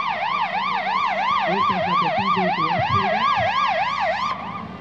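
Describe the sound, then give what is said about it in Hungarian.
A fire engine siren wails loudly, its tone sweeping up and down in a steady, rapid rise-and-fall pattern over engine rumble, then cutting off near the end, as firefighters arrive at a rescue exercise with an overturned vehicle. “Megérkeztek a tűzoltók.”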